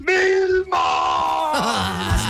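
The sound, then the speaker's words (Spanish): A man's voice belts out a loud, drawn-out yell imitating the cartoon caveman Fred Flintstone (Pedro Picapiedra), sustained and strained, with the pitch wavering and dropping toward the end. “Bueno, grita como Pedro Picapiedra.”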